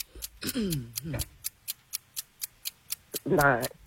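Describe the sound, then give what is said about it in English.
A steady game show timer clock ticking at an even, quick pace during a quiz round, the sharp clicks running throughout while voices briefly speak over it near the start and again at the end. “All right, start the clock.”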